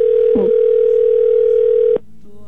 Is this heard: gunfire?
no